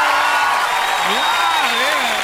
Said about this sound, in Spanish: Un aplauso.